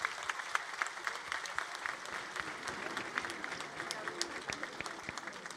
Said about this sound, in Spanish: que, en el marco de estas fiestas a nuestro patrono, el gran San Nicolás de Tolentino, hoy recibimos al gran amor, el invitado especial, el Sagrado Corazón de Jesús, a quien pido que le brindemos un fuerte aplauso como signo de este amor y gratitud.